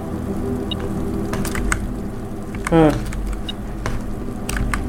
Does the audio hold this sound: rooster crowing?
no